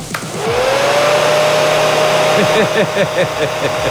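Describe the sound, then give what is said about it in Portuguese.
A hair dryer switches on and spins up, then runs with a loud, steady whooshing roar and a faint high whine, with no one talking. “O nosso secador tá ligado aqui, ó.”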